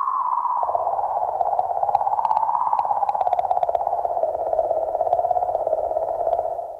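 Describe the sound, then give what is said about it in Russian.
Sonified space radio emission with dolphin-like chirping: a steady, warbling whistle that slowly sinks in pitch, sprinkled with crackly clicks over a low hiss, continuous and fairly loud with no talking. “Помимо такого стрекотания дельфина, получаются другие любопытные звуки.”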